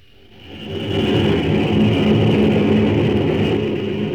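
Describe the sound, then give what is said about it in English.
The engine of the old locomotive 1010, running on track as it returns from a trial run over the West End, rumbles steadily with a dense low-pitched roar and a faint high whine, swelling up in the first second and then holding loud and even, with no voices. “The old 1010 is out of the shops, all tuned up for action, and is just returning from a trial run over the West End.”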